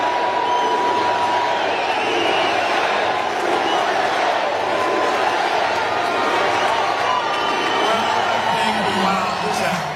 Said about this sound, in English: He's walking up to the microphone now. Getting a USA chant.